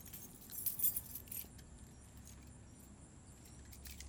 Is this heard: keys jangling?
yes